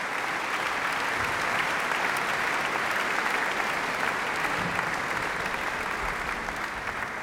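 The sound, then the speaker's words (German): Sustained applause from a large audience in a concert hall for chief conductor Sir Simon Rattle, who has returned to the stage and the conductor's podium; a dense, steady wash of clapping at an even level throughout, with no voices standing out. “Er ist noch einmal auf die Bühne gekommen, kurz ans Dirigentenpult getreten und hat auch noch einmal den Applaus des Publikums hier im Saal entgegengenommen.”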